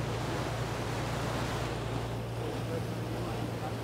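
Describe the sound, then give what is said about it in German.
A steady roar of wind and churning sea waves surrounds a boat in the Bay of Mahon, its engine droning low underneath, as it stops short of a lighthouse because of the waves and turns back. The rushing noise stays loud and unbroken throughout, buffeting the microphone. “Ja, das kann ich jetzt nicht erkennen, aber näher kommen wir nicht ran. Die Wellen.”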